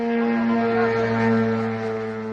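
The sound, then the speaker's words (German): A steady, droning buzz of a drone entering Romanian airspace in eastern Romania at the border with Ukraine. It has strong harmonic overtones and holds a constant pitch and fairly loud level throughout, with no voices. “Dem Geräusch einer Drohne, die in den rumänischen Luftraum eindringt.”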